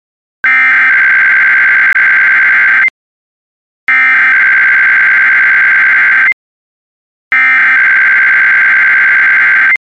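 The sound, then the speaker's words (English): Emergency alert broadcast warning tones played as a test: three loud, identical bursts of harsh, buzzing electronic tone, each lasting over two seconds, separated by brief silences, with no voices. “In an actual emergency, important information or instructions would have followed the tones you just heard.”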